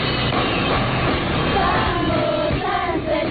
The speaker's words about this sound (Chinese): 8点30分，掌埠县首班车抵达，车刚进站，锣鼓声、掌声已经盖过了引擎声。当地群众穿着民族服装，自发聚在村口，载歌载舞迎接班车。